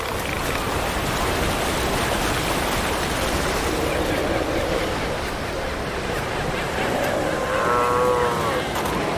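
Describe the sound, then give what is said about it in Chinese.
Deep, moaning bellows from a southern elephant seal on the coast of Argentina rise over constant crashing surf, with a longer droning call near the end and no voices. “这个大块头就是南向海豹。”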